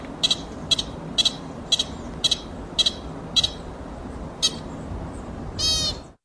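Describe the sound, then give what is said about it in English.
A pika's high, sharp squeaks repeat about every half second, roughly eight in a row, the rapid squeaking of a territorial dispute or challenge, then one longer, raspier call. A steady low background hum continues underneath, with no talking. “Okay, Pika's use short single squeaks as alarm calls or to signal nearby individuals before foraging, and when squeaking rapidly like that, it typically indicates a territorial dispute or challenge.”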